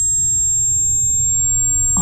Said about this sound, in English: Yeah, well, it's like just ringing. All he can hear is ringing. Ringing in his ears.